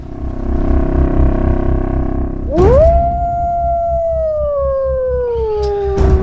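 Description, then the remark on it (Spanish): A lone wolf howls in Yellowstone in a long, steady, mournful note that swoops up and then slowly sinks, clear over a low rumbling background that fills the first seconds. “esa introducción que poníamos era de Yellowstone, cuando han introducido de nuevo a los lobos, han recuperado toda la vida en el parque.”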